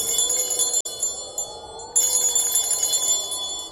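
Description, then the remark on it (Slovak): A small bell at a city gate, rung by a traveller to be let into the town, rings steadily, its bright metallic tone shimmering and sustained, with a brief break before a fresh, louder burst of ringing. No voices are heard. “Zvonček je na to, aby sa ním zvonilo.”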